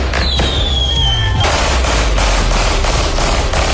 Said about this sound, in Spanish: Con disparos, fuegos artificiales, un auto quemado y sin detenidos, se realizó un velatorio simbólico en la comuna de Quilicura.